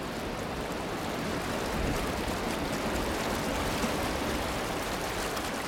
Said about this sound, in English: White water here sings.